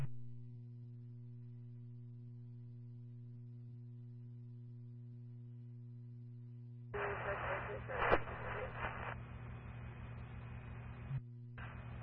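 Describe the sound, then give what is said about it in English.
A steady electrical hum gives way to a loud burst of harsh radio static that smothers a garbled, unintelligible radio transmission from an LVA unit calling on the command channel, cutting out briefly before the hiss resumes. “LVA unit, heavy static, you are unreadable.”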